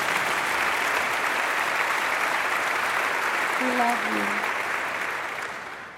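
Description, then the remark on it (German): A crowd applauds steadily, a dense wash of clapping that stays loud throughout and fades slightly at the end, with a brief voice murmuring underneath partway through. “Der nächste Song handelt, ja, okay, klatschen, ja, unbedingt.”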